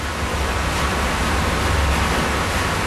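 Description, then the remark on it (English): A steady, dense roar of rushing water with deep rumbling underneath and no pauses or voices: meltwater from artificial glaciers reaching a village and pouring into a huge underground reservoir. “That is the sound of the water from the artificial glaciers reaching this village in this huge underground reservoir.”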